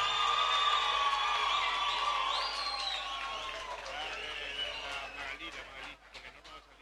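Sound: audience applause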